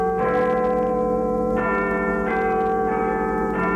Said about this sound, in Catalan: Aquest soroll de campanes, però, no ha agradat sempre a tothom. Si hagués de dormir aquí cada nit, jo crec que em despertaria més d'una vegada. A les 7 del matí van ser 9 minuts.